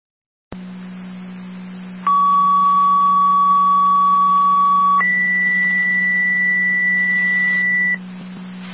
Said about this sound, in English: Air County Fire Control 2, Purple, 6 set of tones for the fire alarm activation with Frontier at 7210 Williams Road, apartment 202.